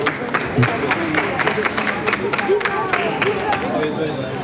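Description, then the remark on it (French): A crowd applauding as the pope blesses young children of about ten years old, with dense, steady clapping running throughout alongside a murmur of many voices, loud and continuous for the whole stretch. “Vous entendez des applaudissements.”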